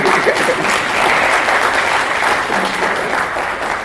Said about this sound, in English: Yes, please, give me a clap. Please.